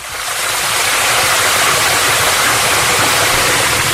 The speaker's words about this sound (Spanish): Me llamaba mucho más la atención la brisa fresca golpeando en mi cara, el sonido del agua de la fuente al caer de manera constante.